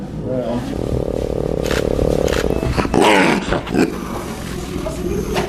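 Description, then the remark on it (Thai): Leopard cubs about a month and a half old, found alone in the snow, growl and snarl in rough, rasping bursts, fairly loud, with a sharp hissing flare near the middle and steady low noise throughout. “สัตว์ที่ติดอยู่ท่ามกลางหิมะได้รับการช่วยเหลือแล้วลูกเสือดาวพวกนี้เพิ่งเกิดได้ประมาณเดือนครึ่ง”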